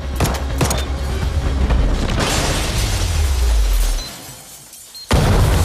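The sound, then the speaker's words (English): An explosive device goes off in a warehouse with a loud explosion, a deep rumbling roar and crackling debris, fading over several seconds before a sharp crash of shattering glass and metal as a man lands on a police car, smashing its windshield. “Everyone outside covers from the blast as Morgan lands on a police car, smashing the windshield.”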